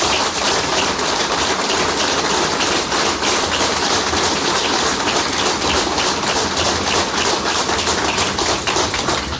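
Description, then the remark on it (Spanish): A crowd applauds steadily, a dense, crackling wash of many hands clapping at once that holds its loudness for about nine seconds without any voices over it, applauding the phrase "education, education, education". “Un aplauso para esa frase.”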